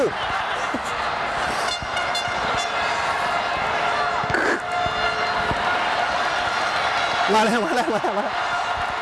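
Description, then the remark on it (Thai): A loud, steady roar of a cheering crowd outside a sports venue with music running through it, heard from the media area at the edge of the field; sustained tones and brief horn-like notes cut through, and a wavering, warbling call rises near the end. “ตอนนี้นะได้ยินเสียงดังมากเลยครับคือเสียงเชียร์จากข้างนอกนะฮะหมายว่าดนตรีนะฮะ”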